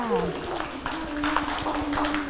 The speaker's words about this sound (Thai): เก่งมากค่ะเด็กๆปรบมือให้ตัวเองด้วยค่ะ